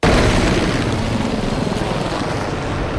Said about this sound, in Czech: Takto buráceli vrtulníky systému H1, když před 2 týdny vítali na základně v náměšti nad Oslavou nového velitele vzdušních sil